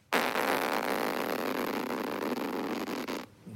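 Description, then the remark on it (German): A voice imitates a plastic tent zipper on a campsite being pulled, one continuous raspy, buzzing zip lasting about three seconds at a steady, fairly loud level before cutting off abruptly. “Das war der Reißverschluss auf dem Campingplatz.”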